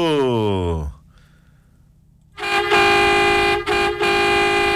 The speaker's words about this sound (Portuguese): E Associação dos Motoristas de Garibaldi, merece uma buzina